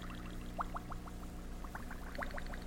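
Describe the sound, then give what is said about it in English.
Water bubbles and gurgles in quick clusters of rising pops over a steady low hum, like liquid boiling or being poured, fairly close and moderately loud. “All the water in my brain is sizzling around up there. Kind of like that. It's kind of sizzling around.”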